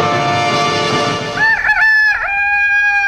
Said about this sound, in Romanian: Pe noi ne scoală de dimineață cocoșul.